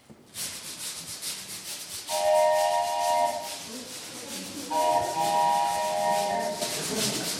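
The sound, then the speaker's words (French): A train imitated live as sound effects with a suitcase, a brush and a whistle: a steady, rhythmic brushing scrape like chugging wheels runs throughout, while a shrill whistle sounds twice in long, sustained blasts over it. “Donc, pour faire un train, si moi, mon truc, c'est la flemmardise, j'essaie de le faire du coup le plus synthétique possible. Une valise, une brosse, un sifflet.”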